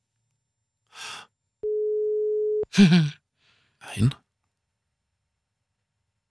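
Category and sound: signal or alarm, telephone ringing tone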